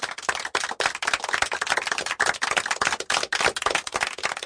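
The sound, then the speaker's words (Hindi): A burst of applause from a crowd for a child who has just recited a poem, many quick overlapping claps forming a dense, steady crackle that stays loud throughout without any voices. “दीपू के लिए एक बार फिर जोरदार तालियां।”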